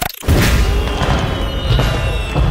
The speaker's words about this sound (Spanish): Ay, fuegos artificiales.